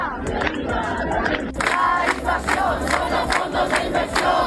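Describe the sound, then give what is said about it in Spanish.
A crowd of protesters at a housing demonstration in front of the government delegation, called by the platform of people affected by mortgages and the housing union, chanting together in loud, rhythmic bursts, voices rising and falling in a steady cadence with a constant din of the gathering underneath. “Convocadas por la plataforma de afectados por la hipoteca y el sindicato de la vivienda, protestaban ante la delegación del gobierno bajo el lema "Acabemos con el negocio de la vivienda".”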